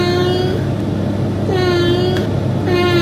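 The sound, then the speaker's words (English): A cat meows three times in a row, long drawn-out harmonic cries with short pauses between, over a steady low rumbling background noise. “Adam's got a couple of cats lined up that he reckons has accents, and we're going to see if either of us can guess the accent.”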